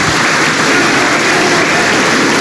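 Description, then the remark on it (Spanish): Loud, sustained applause from a large crowd in Peru's Congress of the Republic for President Keiko Fujimori as she is about to give her message to Congress, a dense, steady wash of clapping with no pauses and no voices standing out. “Pese a ello, los aplausos continúan para la presidenta Keiko Fujimori, quien se presta a dar el mensaje al Congreso de la República.”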